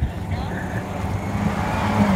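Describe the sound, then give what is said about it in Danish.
A rally car engine, of the kind to be heard at the rally in Juelsminde, Denmark, roars steadily for about two seconds, a loud, low, throaty drone whose pitch wavers slightly as the motor holds its revs. “så har vi vinderne både DM-rallyet og sprintet”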